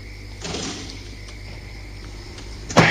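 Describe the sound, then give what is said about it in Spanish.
A door is pushed shut: a brief rustle of movement early on, then a quiet pause before a solid thud as it closes, over a low steady hum. “cierra la puerta.”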